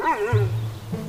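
A dog gives a short vocal outburst, a rising whiny bark that drops into a low, rumbling growl lasting about a second, with no talking.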